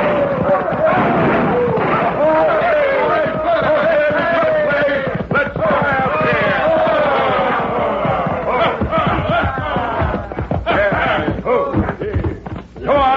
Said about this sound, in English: It all started when a crowd of hoodlums rode into Dos Rias, airing their lungs and triggering their guns.